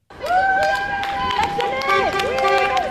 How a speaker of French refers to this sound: Des coups de klaxon en guise de soutien. Devant l'école, le piquet de grève est toujours bien là.